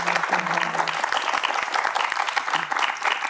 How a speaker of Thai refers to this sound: ขอเสียงปรบมือให้กับทั้งสองคนด้วยนะครับ